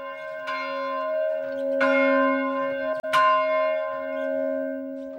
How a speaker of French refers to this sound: C'est l'Angélus, quoi. Alors oui, c'est des anciens du village qui nous ont appris comment ça devait se faire. On ne savait pas qu'il y avait un protocole pour le faire. C'est rituel, c'est sûr. Oui. En fonction du glas ou des façons de sonner.